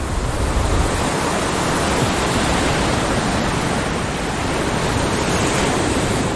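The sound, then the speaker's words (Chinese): A steady, dense roar of ocean surf breaking on a beach on a remote coastline of Costa Rica, loud and continuous with little rise and fall, and no voices. “但这个海滩却是例外。”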